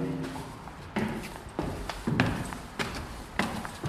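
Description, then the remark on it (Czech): Footsteps climb a church tower stairway in Cheb at a steady, unhurried pace, about five firm treads with a slight echo, after a faint voice murmurs briefly at the start. “Vystoupali jsme úplně nejvýš, jsme pod, těsně pod věžemi.”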